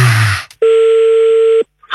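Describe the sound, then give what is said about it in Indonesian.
A steady, loud telephone tone holds for about a second after a short burst of rustling noise, then cuts off into silence as a call is being placed again. “Kita coba lagi telepon.”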